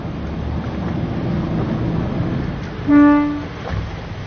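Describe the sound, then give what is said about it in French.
A single short horn toot from a dive boat, steady and tonal, rings out for about half a second over a continuous rush of waves and wind noise, with no one speaking; it calls the divers to come and hold on to the boat. “il va mettre un petit coup de klaxon, comme ça, les plongeurs vont venir”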